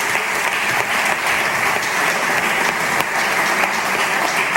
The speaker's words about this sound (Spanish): Aplaudiment per ell també.